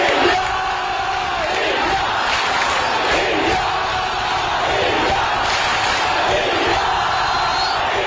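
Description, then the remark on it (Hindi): A large crowd at the 22nd Commonwealth Games in Glasgow, Scotland chants "India, India" in loud, rhythmic unison, the roar rising and falling in regular swells about once a second over steady crowd noise. “अगले 10 दिन 7 समुंदर पार स्कॉटलैंड के ग्लासगो की फिजाओं में भी इंडिया इंडिया के ये नारे गूंजते सुनाई देंगे, क्योंकि आगाज हो चुका है 22वें कॉमनवेल्थ गेम्स का.”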